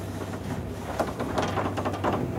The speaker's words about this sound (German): Uwaga, Achtung, it's a very old elevator. Achtung, es ist ein sehr alter Aufzug. You have to keep this door to push them. Man muss die Tür festhalten. It's like a museum.